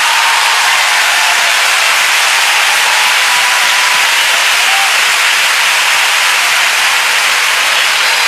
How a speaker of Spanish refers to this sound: Porque un aplauso, por favor.